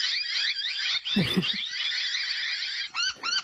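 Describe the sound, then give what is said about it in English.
Native noisy miner birds of Queensland chatter in a harsh, insistent stream of rapid, scratchy calls, followed by two sharper separate notes at the end. A brief low thump interrupts partway through. “The noisy miner. That's the native one.”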